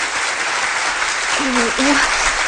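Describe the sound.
Steady applause from an audience of students and parents welcoming a student's mother to recite 'Don't Cry, Mom' in the parents' performance segment, a dense wash of many hands clapping throughout, with a brief voice rising faintly through the noise partway in.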